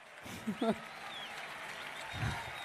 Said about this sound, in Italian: Li accogliamo con un applauso.